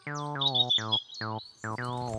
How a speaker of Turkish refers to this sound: Aa, gitti. Serçe de değil, karga da. Ne? O bir kara tavuktu çocuklar. Tavuk mu?